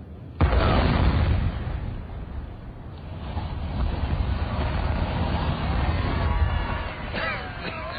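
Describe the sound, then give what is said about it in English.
A sudden loud demolition blast bursts out, followed by a long, heavy rumbling roar as a tall factory chimney collapses, with wind buffeting the microphone throughout. “We've got another factory chimney tomorrow, haven't we? Yeah, a darn sight bigger than this one.”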